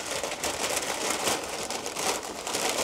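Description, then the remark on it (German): Continuous crinkling and rustling of a bag as Liebesknochen pastries are packed into it, with bursts of louder crackle for a few seconds and no talking. “Packen wir in die Tüte.”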